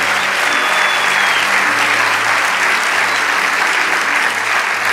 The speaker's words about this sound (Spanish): Vamos, dale ese aplauso a ….